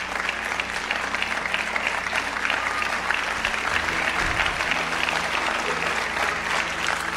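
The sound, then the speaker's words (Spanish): An audience claps steadily for several seconds, a dense, even wash of many hands with no break in the rhythm and no voices standing out above it. “¿A quién me aplaude?”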